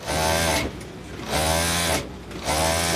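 A sewing machine runs in three short bursts of stitching, each a steady whirring hum with quick pauses between, close and fairly loud with no voices.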